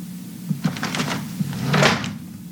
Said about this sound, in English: His underwear drawer is wide open. I know it's a small thing, but it drives me bonkers. Why can't the man close his own drawer?